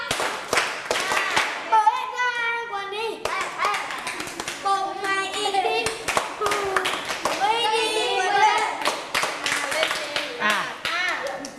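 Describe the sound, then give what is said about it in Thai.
Children clap their hands in a fast, uneven burst of applause lasting the whole time, while high-pitched young voices shout and call out over the clapping. “laugh ปรบมือให้”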